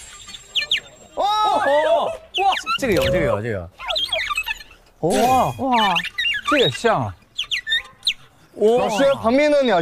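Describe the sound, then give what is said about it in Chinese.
A gaohu, a high-pitched Chinese bowed fiddle, imitates bird calls in quick bursts of sliding, warbling chirps, separated by short pauses. The playing is bright and fairly loud. “说那些什么什么小鸟叫啊，这个就比较在行了。”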